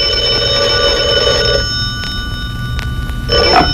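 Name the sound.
telephone ringing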